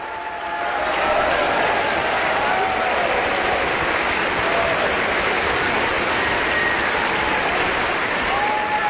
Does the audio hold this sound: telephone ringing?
no